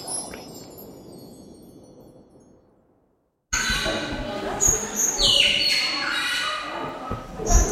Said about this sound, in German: So, wir sind jetzt in der Vogelwelt